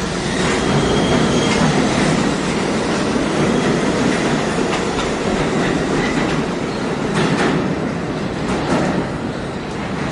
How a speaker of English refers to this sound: Once I got down there, I did hear a train coming, but at that point I didn't know what direction it was coming from,